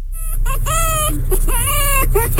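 A rooster crows in two drawn-out, strained calls that rise and fall in pitch, fairly loud over a steady low background hum.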